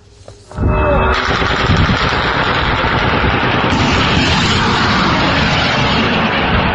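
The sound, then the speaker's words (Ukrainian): After a brief quiet start, loud, dense gunfire from Russian air defense erupts over Moscow and continues without pause, rapid shots blending into a roar over a steady droning buzz of Ukrainian drones overhead, filmed by residents. “На кадрах зі столиці країни-агресорки чутно не лише гудіння безпілотників, а й численні постріли, себто спроби російської ППО українські дрони приземлити.”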